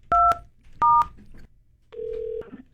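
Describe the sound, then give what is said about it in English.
Two short, loud telephone keypad tones beep in quick succession, followed by a longer, lower steady tone after a brief pause. No one speaks. “And when I tell you nobody has answered the phone, they not trying to talk to me today for real.”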